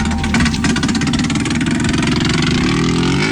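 A loud engine roars steadily with a rough, buzzing pulse, its pitch wavering and climbing slightly as it revs, like a racing motorcycle, during TT (Tourist Trophy) Week on the Isle of Man in 1973. No voices are heard.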